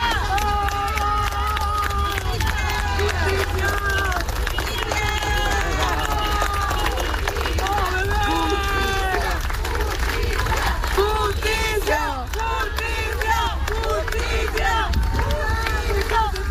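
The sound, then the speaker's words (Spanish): A large crowd applauds steadily while many voices shout demanding justice, a loud, continuous outdoor din with clapping running underneath the overlapping cries, as mourners with white handkerchiefs accompany a funeral procession for a boy. “Entre aplausos, pañuelos blancos y gritos exigiendo justicia, los asistentes acompañaron el recorrido en memoria del menor.”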